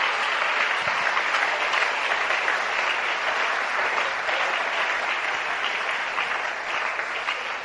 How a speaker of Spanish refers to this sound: Si ese aplauso es para Dios, de lo más fuerte.